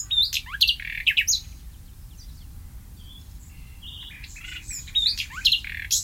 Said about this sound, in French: on peut rappeler que le rossignol fait souvent entendre son chant mélodieux la nuit, mais qu'il voit sans doute mal dans le noir.